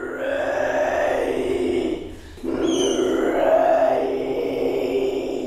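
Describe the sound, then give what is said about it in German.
A woman performer, rising from the middle of the audience at the Biennale, makes low, guttural growling sounds from her throat in two long, rasping stretches split by a short pause. The grunting is loud and eerie, with a harsh, strained edge. “Ihre unheimlichen, knurrenden Kehlgeräusche verschlagen einem die Sprache.”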